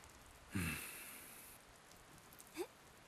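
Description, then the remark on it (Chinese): Rain falling in Kunming: a sudden burst of rain-like hiss with a low thump swells up, then fades to a soft, steady patter in the background, broken near the end by a brief squeaky chirp. “下雨了，昆明这个地方真是风调雨顺。”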